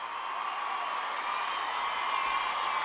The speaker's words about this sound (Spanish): Un aplauso de verdad para él.